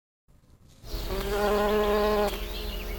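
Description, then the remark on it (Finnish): A steady droning buzz of honeybees, rising in after a brief quiet start and holding a rich harmonic hum, alone with no voices. “Mehiläiset osaavat laskea 4 ja heidät voi opettaa tunnistamaan eri värejä ja tuoksuja.”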